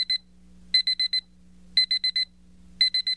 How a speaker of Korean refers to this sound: 김유신이 손에 쥐고 있던 타이머가 울린다. 요원에게서 입수한 정보로 김춘추의 도착 시간을 계산했던 김유신.